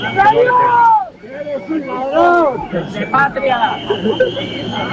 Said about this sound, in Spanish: Insultos y abucheos desde la gente que está allí esperando a que comience el desfile